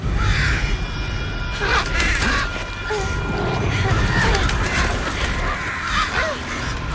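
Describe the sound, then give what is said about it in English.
Harsh crow caws and squawks swirl overhead in a dense, chaotic flurry as a stream of diving crows attacks a woman, pecking and clawing at her face while she struggles to escape and fight them off, with flapping and struggling thuds beneath, loud throughout. “struggles to escape as the stream of birds begins to attack her.”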